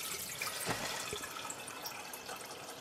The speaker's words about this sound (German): hier ist es ein doppelter Teekessel, bestehend aus einer größeren Kanne unten und einer kleineren obendrauf. Die Hitze der Herdplatte wird von unten nach oben weitergegeben. Das ist die Teekanne, Chai-Dannak. Jetzt füllen wir untere Stelle Wasser.